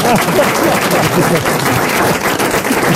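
Dense, steady applause from an audience, a loud continuous crackle of many hands clapping at once with no break for about three seconds.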